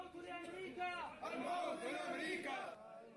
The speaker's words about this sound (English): Mourners gather outside this hospital in Mosul as bodies are carried from the morgue. The crowds chant. Among the criers, one calling for death to America.